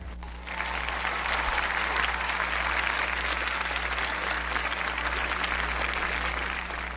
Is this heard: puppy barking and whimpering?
no